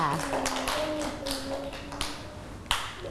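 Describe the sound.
A handful of sharp, scattered hand claps ring out at irregular intervals, loud and crisp, while a faint voice hums and murmurs steadily underneath.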